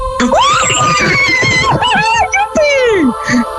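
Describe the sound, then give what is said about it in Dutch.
Loud, high-pitched screaming and excited squealing from several voices in a teachers' staff room, with swooping pitch, overlapping shrieks and a few brief gaps across a few seconds. “Ja, voor iedereen die zich afvroeg hoe klinkt dat eigenlijk, zo'n leraarskamer, dat wordt af en toe betrekkelijk hard gegild.”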